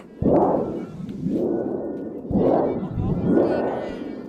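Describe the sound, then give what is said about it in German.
A thunder sheet, operated by audience members to make Prospero's storm in a play, rumbles in four surging waves, each swell starting with a sharp shake and rolling off into a deep, shimmering metallic roar, loud and steady throughout with no voices. “Und dann geht die Geschichte so weiter, Prospero entfacht einen Sturm und da braucht man ein Donnerblech, das dürfen die Zuschauer bedienen.”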